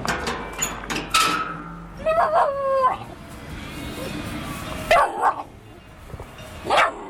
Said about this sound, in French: c'est la seule à venir vers nous en râlant, en aboyant